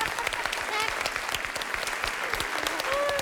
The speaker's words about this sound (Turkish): alkışlar geldi demek ki doğru.